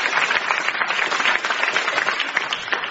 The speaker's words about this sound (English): A round of applause, even if they don't need it or deserve it.